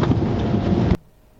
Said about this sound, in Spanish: Desde el Francisco Barriento, acá por la zona de tormenta con granizo.